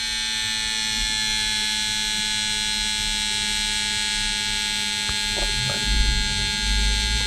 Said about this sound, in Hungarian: És egyébként ugye egészen keményen rászorítja magát ezt a kis felfújható párnát a csuklóra, és akkor úgy méri, és egész hosszan méri, hallhatjátok, még mindig zúg.